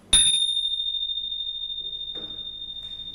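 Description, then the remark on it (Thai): A single strike of small Thai ching cymbals, a bright, high-pitched metallic ring that sustains for about three seconds with only a slow fade. No talking is heard. “ลองฟังอีกครั้งหนึ่งเสียงชิ่งค่ะ”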